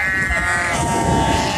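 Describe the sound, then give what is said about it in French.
A flock of sheep being moved by shepherds bleats loudly and continuously, many overlapping voices blending into a dense, wavering chorus, with no pauses and no talking. “Et aussi le vent, pour nous les bergers, c'est hyper dur parce que quand il y a du vent, les moutons, oh, ils se font forcer par le vent.”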